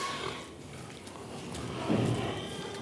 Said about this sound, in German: Insgesamt stehen 1000 Tiere in 28 Boxen. Vor allem die schwarz-weiß gefleckten Pitrin. Eine ursprünglich belgische Rasse mit magerem Fleisch und die dunklen, muskulösen Duroc-Schweine.